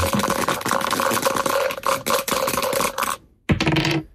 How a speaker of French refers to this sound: Bon, allez, moi je dis qu'on lance les dés puis on papote après, d'accord ?